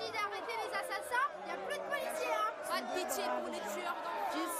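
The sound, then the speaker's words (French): A crowd shouting and calling out, heard through a door that has just been unlocked, many raised voices overlapping into a dense, continuous clamor that holds at a steady, fairly loud level with no single voice standing out; a huge, growing crowd fills the surrounding streets. “Par la porte que l'on vient de déverrouiller pour nous laisser passer, parviennent jusqu'aux habitants des cris.”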